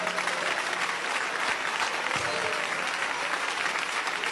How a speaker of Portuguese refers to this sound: Podem louvar a Deus com as palmas.